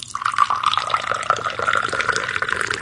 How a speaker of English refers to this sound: pours jasmine tea for herself at her studio.